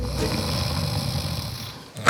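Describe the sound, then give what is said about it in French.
A person dozing off snores steadily with a low, rumbling rasp sustained for about two seconds, fairly loud, ending in a brief sharper sound as the breath cuts off. “Non, je suis pas fatigué, je suis pas essoufflé. Je suis super motivé. J'ai juste un peu fermé les yeux comme tout un chacun et ça arrive.”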